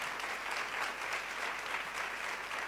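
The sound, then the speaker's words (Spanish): A crowd claps steadily in a dense, continuous wash of applause that holds at a fairly even level for a few seconds, with no voices standing out. “no sé si me están aplaudiendo los que han tenido indigestión.”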